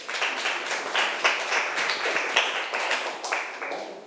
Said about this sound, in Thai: ครับปรบมือให้เพื่อนหน่อยครับ